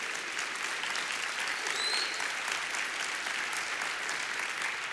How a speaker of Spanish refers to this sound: Dele palmas al Señor, por favor, hermanos.